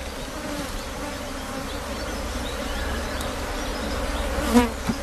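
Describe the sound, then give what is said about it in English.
A steady, droning buzz of many bees fills the whole stretch, continuous, with a brief louder swell near the end as one passes. No one speaks. “Without bees, we won't have food to eat.”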